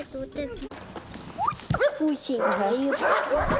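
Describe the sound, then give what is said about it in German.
Several dogs bark and yelp in quick, overlapping bursts, some with a whiny pitched edge, against a busy, noisy background that grows denser toward the end. “Ich liebe viele Hunde. Diesen und diesen und diesen und diesen und diesen und diesen.”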